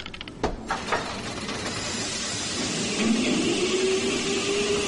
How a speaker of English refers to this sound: Not much to it, really, Doctor. The engine's already pumping away. All we need to do is throw that handle that engages the cage with the gears.